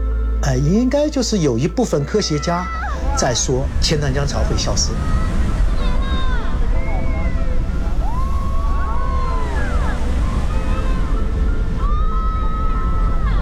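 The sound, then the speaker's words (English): The Qiantang River tidal bore in China rushes up the 2.5-kilometre-wide river with a steady, heavy rumbling roar that lasts throughout, while people's voices and scattered shouts rise over it, busiest in the opening seconds. “有没有轰隆隆的声音？”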